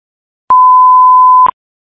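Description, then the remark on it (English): A single steady electronic alert tone sounds loud for about one second, then cuts off with a brief click: a Cleveland Division of Fire dispatch alert for a call at 3719 MLK, with no voices. “Fox alarm for the Cleveland Division of Fire, 3719 MLK.”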